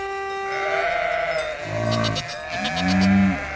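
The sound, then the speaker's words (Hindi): Goats bleat in a short series of wavering, nasal calls, each one quavering in pitch, with the final bleat the loudest and longest. No one speaks. “रास्ते की सब बकरियाँ और गायें दूर हट जाती हैं।”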